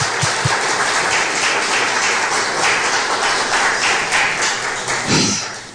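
A standing church audience applauds God loudly and steadily, a dense wash of many hands clapping that holds for several seconds, with a couple of low thumps at the start and no voices.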